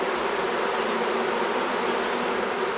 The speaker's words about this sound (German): Unsere Bienen.